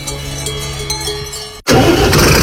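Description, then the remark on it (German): A tractor's heavy engine rumbles steadily at idle, then cuts out for an instant before a loud, harsh roar takes over as it revs hard, with no voices. “Worauf kommt es bei einem Traktor an?”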